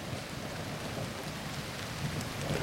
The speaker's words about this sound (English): I just like listening to the rain.